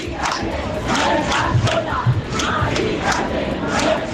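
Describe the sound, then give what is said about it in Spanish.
A dense protest crowd in Madrid shouts continuously against the eviction of an 87-year-old woman, many voices blending into a loud, steady roar with rhythmic surges of chanting rising and falling every second or so. The shouts carry across the 600 metres from Puerta del Sol to Carrera de San Jerónimo, near the Congress. “Gritos que recorrían los 600 metros que separan la Puerta del Sol de la carrera de San Jerónimo.”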